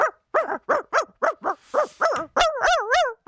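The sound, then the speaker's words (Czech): A person imitates a real dog barking, with about ten quick, evenly spaced yaps that run into a longer whiny, wavering howl at the end. “Já nedělám žerika, já dělám opravdického pejska.”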